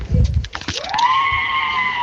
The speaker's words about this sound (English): … says that's the door at my local store in Winterbourne.